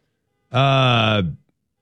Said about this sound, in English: This is the longest I've heard a car alarm horn go off in my life, maybe.